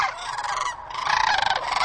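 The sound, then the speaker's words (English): A loud, close bird call fills the moment, a dense burst of rapid, fluttering gobbling notes that runs continuously for about two seconds with no one talking. “I search for the perfect bird calls and songs.”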